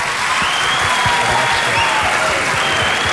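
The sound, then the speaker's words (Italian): An audience at an event hosted by the University of Foggia applauds steadily, a dense, loud wash of clapping that holds at an even level throughout without any voices breaking through. “Vi ho fatto fare una galoppata con i tempi radiofonici, siete stati tutti bravissimi, soprattutto voi ragazzi, un applauso a voi.”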